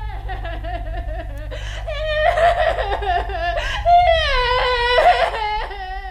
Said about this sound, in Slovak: od narodenia zas len plače, narieka, nikto ju dosiaľ nedokázal utíšiť.